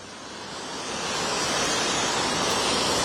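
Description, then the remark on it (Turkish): A steady, broad roar of rushing water from a stream swollen by heavy rain falling since the night, near Ümraniye on the Anatolian side, swelling slightly louder over the first second and then holding constant, with no voices. “Ümraniye civarındayız ve bulunduğumuz noktada aslında Gece saatlerinden bu yana etkili olan sağanakla birlikte derenin seviyesi yükselmişti.”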